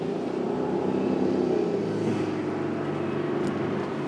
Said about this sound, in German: Wir sollen in die Geländewagen, müssen raus aus dem Überschwemmungsgebiet. Doch schon im ersten großen Wasserloch bleiben wir stecken.